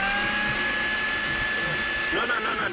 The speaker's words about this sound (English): What are you doing? I'm just making a milkshake here with your blender. You're making a milkshake with my blender? Yes.